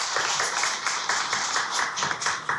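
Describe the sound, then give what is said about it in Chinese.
A concert audience applauds steadily to welcome the event's organizer onto the stage, a dense crackle of many hands clapping at once with no voices over it, holding at an even, fairly loud level throughout. “现在呢，让我们用最热烈的掌声，有请这株从空谷中走来的幽兰”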